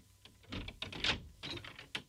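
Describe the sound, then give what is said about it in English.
A lock clacks and rattles as the door to a treasure house is unlocked and pushed open, a quick cluster of sharp mechanical clicks and knocks with no one talking. “Lackey, unlock the door to my treasure house.”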